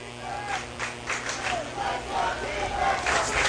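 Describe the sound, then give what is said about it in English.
A large home crowd at a football game cheers and roars steadily as their team faces second and goal from the 4 in the first quarter, with scattered yells rising out of the broad wash of noise, building slightly over a few seconds. “Crowd starting to get fired up here on the home side.”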